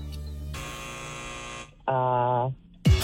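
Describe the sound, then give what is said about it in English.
A loud electronic quiz timer buzzer sounds in two harsh, harmonic-rich blasts, the first about a second long and the second shorter and lower, followed by a brief burst of another sound. “Oh, there's the timer.”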